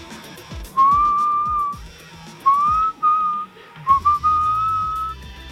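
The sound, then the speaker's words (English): Someone whistles a song melody in three smooth, sustained phrases with short pauses between them, clear and close, over a soft background hum with no talking. “Does he whistle in it? I don't remember him whistling in it.”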